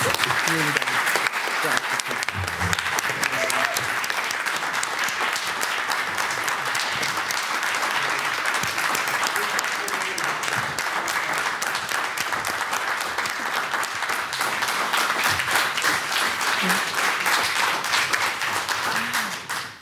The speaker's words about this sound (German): Und ich bitte jetzt um einen ganz herzlichen Applaus für Jörg Wittmann, der uns jetzt leider verlassen muss.